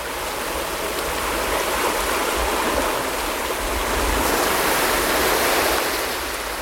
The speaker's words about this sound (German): mich an das Gefühl erinnere, wie sich das Sand unter den Füßen anfühlt oder wie das Meer rauscht.